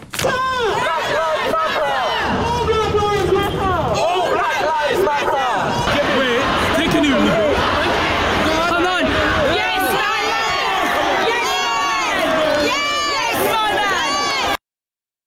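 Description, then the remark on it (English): A large Black Lives Matter protest crowd in Britain, after George Floyd's death, shouts and cheers continuously, many voices overlapping in loud, dense chanting and calls, with bursts of whistles and yells rising throughout before it cuts off abruptly. “His death sparked protests right here in Britain.”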